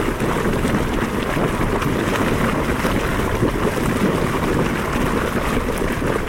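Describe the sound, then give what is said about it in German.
A bubbling hot spring in Iceland churns and gurgles continuously, a dense, steady roar of boiling water with no pauses and no voices. “Eine heiße Quelle in Island.”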